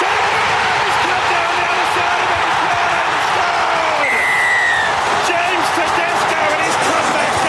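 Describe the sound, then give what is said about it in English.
A huge stadium crowd in Sydney screams and cheers in a loud, unbroken roar as New South Wales scores a late try to beat Queensland 22-20 in a State of Origin match, broadcast on Nine, with a brief high whistle-like tone rising out of the din midway. “Plenty of screaming there on Nine.”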